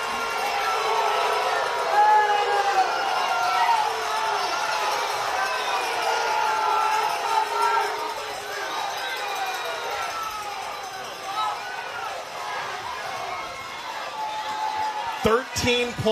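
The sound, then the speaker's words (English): A loud, sustained roar of crowd cheering at a basketball game, with shouts and whoops rising throughout and a few sneaker squeaks and a ball bounce near the end. “And I don't have to say a thing. I'll let the crowd.”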